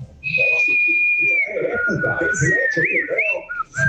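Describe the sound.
Someone from Carangola whistles a long, wavering birdlike melody with quick warbles and trills as the last entry in a whistling contest, held steady and fairly loud for several seconds while voices murmur underneath.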